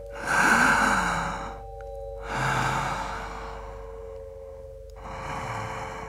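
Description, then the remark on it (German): Three slow, deliberate breaths of a person sitting, drawing air in and blowing it out, each a broad airy whoosh lasting about a second and a half, separated by quiet pauses over a faint steady hum. Clear, with no talking. “Luft einsaugen und wieder auspusten.”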